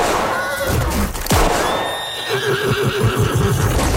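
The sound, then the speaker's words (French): A horse whinnies loudly and shrilly, its neigh rising and trailing off amid a busy, noisy scene with a sharp thump near the middle and scattered rumbling behind it. “sa politique personnelle étant de ne jamais tirer sur les gens, mais uniquement sur leurs chevaux”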